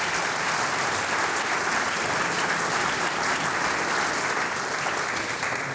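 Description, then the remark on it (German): An audience claps steadily throughout, a dense, even wash of hand claps with no pauses and no voices on top. “deinen Applaus.”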